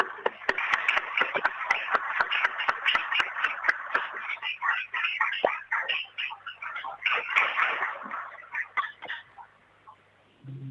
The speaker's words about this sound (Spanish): Creemos que este histórico momento merece un aplauso.